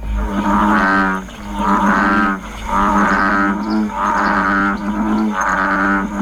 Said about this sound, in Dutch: Het klonk een beetje meer als de ruitenwissers van mijn eerste autootje. Die dan heel stroef over de uitgedroogd waren, die moesten vervangen worden. Ja, maar het is een kikker. Het is de brulkikker of de stierkikker.